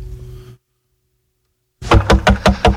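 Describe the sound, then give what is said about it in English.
A faint low hum fades into silence, then someone pounds on a door to be let in: about five loud knocks in a quick, steady rhythm, with no voices. “come on, man, I can't knock no more.”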